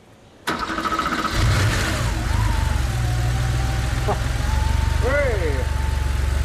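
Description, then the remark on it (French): A 3.2-litre car engine, fitted with a new fuel pump, cranks briefly, then catches and settles into a loud, steady low rumble as it keeps running, with voices briefly heard over the idle. “Ça ne m'a jamais fait autant plaisir de me prendre des gaz d'échappement dans la figure. C'est formidable. Le moteur tourne.”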